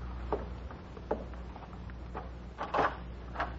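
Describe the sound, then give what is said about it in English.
A closet door being closed: a handful of soft wooden clunks and latch clicks at irregular intervals, fairly quiet, over a low steady hum. “He put the vial in his jacket pocket and closed the closet.”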